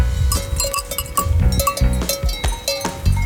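Several bells on grazing cows clank irregularly and overlap, a busy metallic jangle with sharp strikes and ringing tones, steady throughout, as if the animals are moving about. The cows are on a mountain pasture just below the summit of Blegoš.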